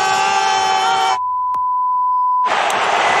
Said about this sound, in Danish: Hvem er blevet bippet?